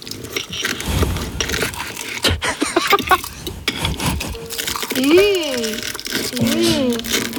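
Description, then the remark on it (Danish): Loud crunching of crispy spring rolls being eaten, a rapid run of crackly bites and chews over the first few seconds, then a sliding tonal melody takes over toward the end. “Det var altså forårsruller.”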